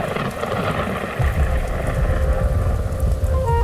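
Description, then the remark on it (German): Steady heavy rain hisses outdoors in foul stormy weather across the whole clip, and a deep rolling rumble of thunder swells in partway through and keeps growling underneath. No one speaks. “Was tut eine hübsche junge Frau wie du bei diesem Hundewetter hier draußen?”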